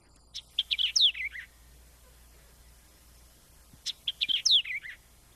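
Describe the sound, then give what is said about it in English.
A bird calls out two quick bursts of bright, high chirping notes a few seconds apart, fairly close and clear over a faint low background hum, with no one talking. “In its place in the streets of Hong Kong is the much less numerous and more retiring spotted dove.”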